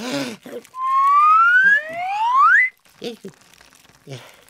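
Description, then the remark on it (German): A karma whistle is blown in one long, loud note that glides steadily upward in pitch for about two seconds, a second tone rising alongside it, with brief speech before and after. “Jetzt puste doch noch mal in die Pfeife.”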